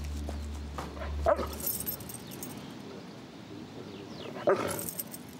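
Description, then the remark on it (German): Two sharp, harsh barks from an animal, spaced about three seconds apart, sounding like an alarm call against a steady outdoor background hiss. No one speaks. “Also für mich klingt das Bellen wie eine Warnung.”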